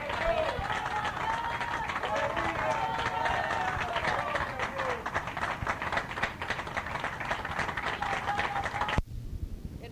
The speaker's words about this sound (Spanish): Fuerte aplauso a nuestro Rey. Gloria a Dios, gloria a Dios.